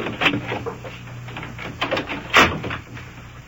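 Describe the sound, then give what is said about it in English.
A door is shut with a few moderately loud clunks and rattles spread over a few seconds, the heaviest thud near the end, against a faint room hum with no talking. “You shut the door there.”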